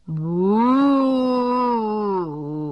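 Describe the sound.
A person imitates a calf's moo with one long, loud, low-pitched drawn-out call that swells slightly, holds steady, then dips lower before ending, with no other sounds around it.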